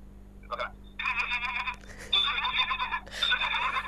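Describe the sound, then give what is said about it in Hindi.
A person imitates a male goat's bleat, giving a short nasal call followed by three longer wavering bleats, fairly loud, with a faint steady hum beneath. “मुझे ये बकरा और गधे का टच आ रहा है।”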